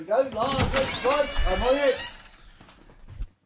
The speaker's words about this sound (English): So I'll go and open the door to the outside world.